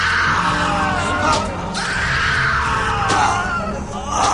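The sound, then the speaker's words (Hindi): A man screams and groans loudly in pain, continuously throughout, as he is caned in a jail run by the British, while a few sharp cracking strikes land at intervals. “और वो तो देखो हमारा वो साथी कितना चिल्ला रहा है।”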